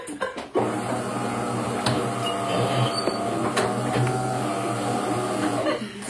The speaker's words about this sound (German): Sie setzt die Kaffeemaschine in Gang.